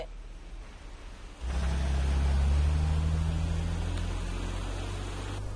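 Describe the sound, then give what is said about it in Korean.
After a moment of low hiss, a car engine suddenly roars in with a heavy, deep rumble that stays loud and steady, easing only slightly by the end. The car nearly hits a child who is crossing the street while looking at a phone. No one speaks. “너 지금 차에 치일 뻔했잖아.”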